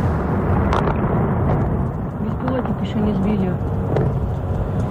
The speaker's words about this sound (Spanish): Ese sonido de los misiles y ese sonido de la guerra está marcando también los mercados.